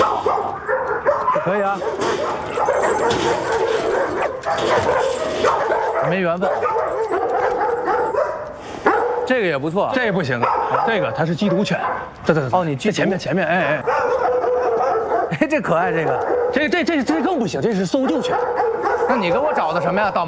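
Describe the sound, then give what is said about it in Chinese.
Many dogs, among them a Rottweiler, bark and yip continuously in a kennel, an echoing, dense overlapping chorus that fills the whole stretch, with some whimpering mixed in and no clear pauses. “来，这边怎么样？不错吧？哟，罗威纳，哎。”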